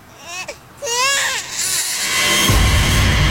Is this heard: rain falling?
no